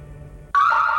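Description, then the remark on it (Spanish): After a low rumbling half-second, a loud, piercing security alarm tone suddenly blares on, holding steady with a slight downward shift in pitch, continuous; a monitored Alarmex home or business alarm activated in zone 7. “Nos comunicamos de Alarmex. Recibimos activación de la zona 7. ¿Está todo en orden?”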